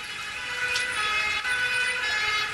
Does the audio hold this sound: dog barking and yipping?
no